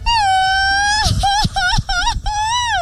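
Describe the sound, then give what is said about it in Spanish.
A mariachi-style grito (grito mariachesco) shouted at the Alameda during a shouting challenge: one voice holds a long, loud, high yell, then breaks into a rapid warbling trill of rising and falling cries before a final sustained wail. “Queremos a los que tengan, que vengan ahorita aquí a la Alameda y se avienten el mejor grito mariachesco.”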